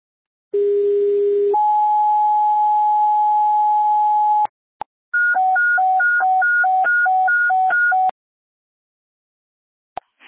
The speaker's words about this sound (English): stand by for tones.